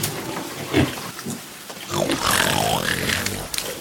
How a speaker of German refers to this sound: Hierher, kommt hierher. Wollt ihr wohl herkommen, ihr kleinen Grunzer? Ja, so ist es gut. Kommt her.